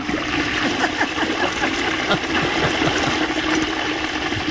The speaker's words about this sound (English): It's a strong toilet. That's a long flush.